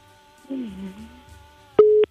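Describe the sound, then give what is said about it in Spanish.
After a caller hangs up, a loud, steady electronic telephone beep sounds, one short, clipped mid-pitched tone at the end, preceded by a soft, wavering low sound and quiet background hum. “¡Colgó!”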